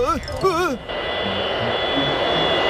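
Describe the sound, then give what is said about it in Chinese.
A steady, loud roar of an airplane engine idling before takeoff, with a thin high whine on top, preceded by a brief wavering high-pitched vocal sound at the start. “我得快点了，飞机要起飞了。”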